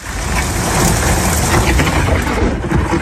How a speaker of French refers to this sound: De gros orages ont touché le département. 929 éclairs entre minuit et 4h du matin,